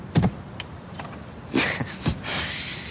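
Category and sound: vehicle, convertible car engine stalling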